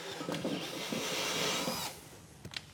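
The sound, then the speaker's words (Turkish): A small flush-cut saw rasps steadily through wood for about two seconds, its strokes blending into a continuous hiss, then stops, leaving a few light taps and knocks. “Bu küçük bir gömme kesim testeresi.”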